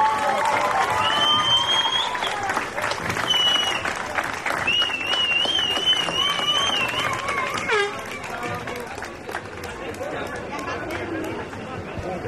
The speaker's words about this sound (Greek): Κυρίες και κύριοι, ήρθε η ώρα για τους πρωταθλητές ποδοσφαιριστές του ΑΟ Θήβα. Τους καλούμε έναν έναν να ανέβουν στην εξέδρα και να δεχτούν το πιο ζεστό σας χειροκρότημα.